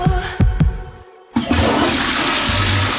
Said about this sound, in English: There are only three things that belong in the toilet. Pee, poo, and toilet paper. That's it. If you flush other stuff, even flushable wipes, they can clog pipes and cause big, yucky blockages.